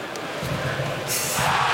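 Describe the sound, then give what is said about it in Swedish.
A dense ice hockey arena crowd in Timrå roars continuously as Timrå scores to make it 1-1 on a power play, swelling louder toward the end, with broad cheering and shouting filling the space. “Här var ett mindre diskret jubel i Timrå som gör 1-1 i numerärt överläge de också.”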